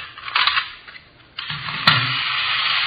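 A miniature wind-up toy Sherman tank with cannons on the side runs with sparks coming out, making a steady, buzzing mechanical whir and rattle, briefly dipping, then resuming after a sharp click; no voices, just the grinding toy motor.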